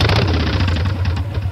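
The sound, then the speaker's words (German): A motorcycle engine idles steadily, a loud, continuous low rumble with a slightly uneven throb, heard on its own without any talking. “250 Motorräder kommen nach Lassee zum Charity Bike Fest.”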